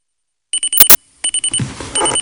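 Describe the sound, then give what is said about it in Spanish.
An alarm clock rings in rapid, loud electronic pulses, broken by a short burst of harsh noise, then the quick beeping resumes. “El despertador.”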